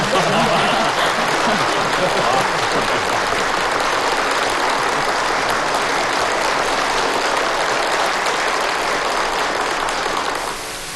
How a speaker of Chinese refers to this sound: 如果大家同意，可以鼓掌。